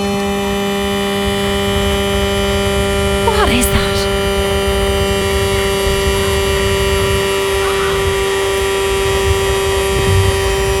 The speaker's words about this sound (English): I have never heard that kind of a sound coming out of a car.